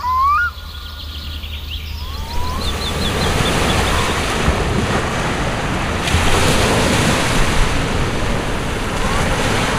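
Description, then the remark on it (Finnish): Steady surf breaks on a sandy beach in a rock-lined cove at Hanko, Finland, on a rainy, windy, wet day, in a continuous, broad wash of water noise, with gusts of wind buffeting the microphone and a few faint bird-like chirps early on. “Aallot lyövät tasaisesti hiekkarantaan.”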